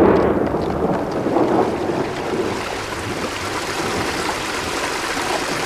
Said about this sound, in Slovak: To len voda šumí. Vidíš, ako padá zo skaly?